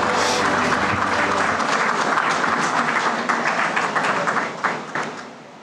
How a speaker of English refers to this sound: Ladies and gentlemen, a warm round of applause for the Finance Minister, Nirmala Sitharaman ji.